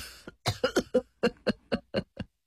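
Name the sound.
two coughs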